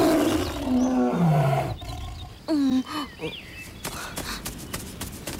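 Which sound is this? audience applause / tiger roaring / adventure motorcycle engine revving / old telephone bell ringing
tiger roaring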